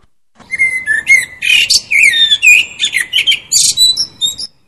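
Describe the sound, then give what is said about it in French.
A blackbird sings, a steady run of varied, fluting whistled phrases and chirps lasting several seconds with no voices. “Moi, je ne suis qu'un merle.”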